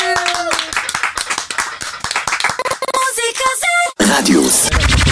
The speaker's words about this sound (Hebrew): זאת …, נו מחיאות כפיים!